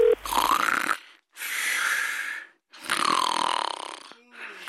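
Loud, rasping snores from someone who has fallen asleep during a telephone call come in three long drawn-out breaths separated by brief pauses, each a rough, buzzing rattle that swells and fades, heard over the phone line with no talking.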